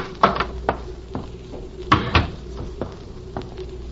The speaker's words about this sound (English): Just open the door and go on in alone.